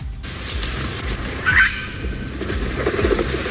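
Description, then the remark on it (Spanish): Two new Bonelli's eagles, a female and a male named Ida and Ondayu, now flying in Navarra around Cáseda and Lumbier, calling: a brief, clear cry rises midway, with thin high-pitched notes near the start and end, all over a steady low rumbling background. “Porque el sonido de la vida hoy puede ser en Navarra Este, el sonido de dos nuevas águilas de Bonelli que vuelan ya por Navarra, zona de Cáseda, Lumbier, aunque veremos si luego van descubriendo más de su comunidad.”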